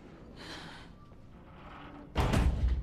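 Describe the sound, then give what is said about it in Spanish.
Soft breathy sighs drift by, then guards shut a heavy door from outside with a loud, booming thud that rumbles on briefly. “Los guardias cierran la puerta desde afuera.”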